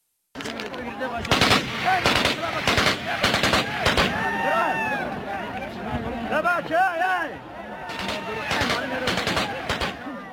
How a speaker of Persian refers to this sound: منابع محلی در بدخشان به افغانستان انترنشنال گفتند که افراد طالبان بر سر عواید 1 معدن طلا در ولسوالی یمگان با یکدیگر درگیر شدند. در این درگیری دست کم 1 نفر زخمی شده و ویدیوی رسیده از محل صدای تیراندازی پیاپی را ثبت کرده است.